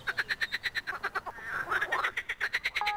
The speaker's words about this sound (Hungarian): A stúdióm egy tó mellett van, vagy egy kis tó mellett van, úgyhogy nagyon rutinos vagyok béka nevetésén.